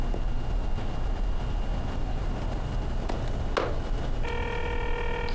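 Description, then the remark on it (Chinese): A steady, low rumbling background runs throughout, then near the end a telephone starts ringing with a bright, sustained electronic tone as a late-night call comes in. No one speaks. “这么晚给你打电话，不打扰你吧？”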